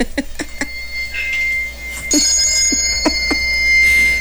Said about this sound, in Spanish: Campanitas.